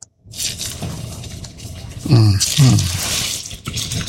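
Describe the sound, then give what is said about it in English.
Plantain pieces, laid in a frying pan to brown on both sides, sizzle with a steady crackling hiss that grows louder about halfway through, with a voice briefly speaking over it. “And you got that little sizzle going on.”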